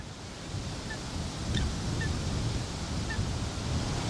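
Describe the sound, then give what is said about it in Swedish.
A Eurasian coot, paddling in a shallow reedy bay, gives a few short, sharp calls, spaced irregularly and fairly faint, over a steady wash of wind and lapping water outdoors. “Ja, här sitter jag i en grässlänt och mediterar över en sothönas till synes bekymmerslösa existens.”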